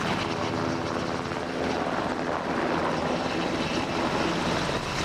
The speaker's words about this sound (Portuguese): a bordo de um helicóptero UH-60 Black Hawk, que fez a viagem desde Monsanto até à base aérea número 6, no Montijo.